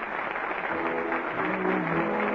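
A theater audience's ovation at the curtain on the last act of a new play at the Little Theater off Times Square: dense, steady applause that holds at an even, fairly loud level throughout, with a faint murmur of crowd voices mixed in.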